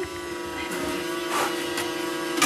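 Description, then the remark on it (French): A steady electric fan drones, a constant motor hum with a faint buzzing edge and airy hiss, unchanging throughout with no voices. “Ventilateur.”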